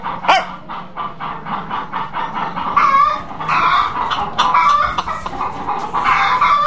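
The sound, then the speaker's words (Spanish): A rooster clucks in a quick, steady series of short, repeated calls that run continuously for several seconds, moderately loud, with no one talking. “Dale al gallo.”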